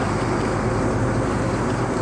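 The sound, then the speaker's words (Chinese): A heavy truck's engine rumbles steadily and loudly, a deep continuous drone with faint mechanical pulsing and no voices, holding an even level throughout. “来了。 卡车。 卡车也是车。”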